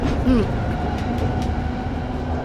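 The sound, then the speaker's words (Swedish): A tram on line 3 rolls along its rails with a steady rumble, heard by a passenger standing at the very front; a brief metallic squeal rises near the start before the even clatter carries on. “Det är en vanlig dag och Hannes är ute och åker spårvagn.”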